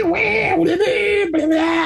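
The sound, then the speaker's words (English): A voice imitates the screech of a dial-up internet modem from the 1990s and early 2000s: a loud, sustained, wavering nasal tone that breaks briefly twice and shifts pitch between segments, with no other talk. “That annoying screeching sound, dial-up?”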